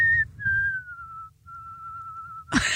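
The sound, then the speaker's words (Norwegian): A person whistles a slow melody with vibrato, holding a few long, clear notes that glide gently downward, over a low background rumble, ending in a sudden burst of rough noise. “Med vibrato?”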